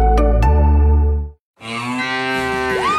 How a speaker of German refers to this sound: Finde eine der noch 4 verbleibenden Muhenden Müllermilchflaschen und gewinne 50.000 Euro